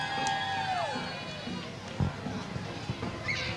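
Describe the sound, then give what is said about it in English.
A crowd cheers and claps for a dance troupe with glittery pom-poms in a steady wash of noise, with high whistling tones sliding over the top and a few sharper claps or bangs standing out near the middle. “St. Joseph's, big round of well applause.”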